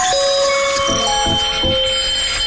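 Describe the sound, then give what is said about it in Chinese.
An alarm clock rings loudly and without pause, a bright metallic jangle with steady high tones and a few soft thumping pulses underneath. No one speaks. “闹钟又响了，嗨，你的早晨是怎样开始的？”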